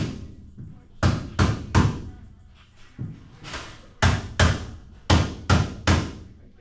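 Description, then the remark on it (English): Loud hammer strikes by construction crews on wooden wall frames on the upper floors of an outpatient health center land in quick bursts of three, with short pauses between sets over a faint background rumble of the construction site. “Back at the outpatient health center, construction crews hammer away at wall frames on the upper floors.”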